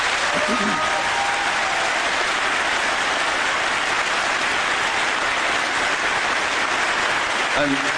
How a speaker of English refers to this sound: So I'd like a round of applause for them, please.